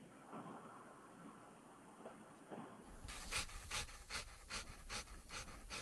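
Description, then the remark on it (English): A dog pants rapidly and rhythmically in quick breathy bursts that start a few seconds in after a quieter, hushed stretch, with no one talking. “Oh, it sounds like my dog after he chases his dog.”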